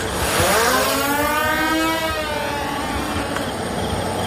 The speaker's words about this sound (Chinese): 我交俾无人机你听一听。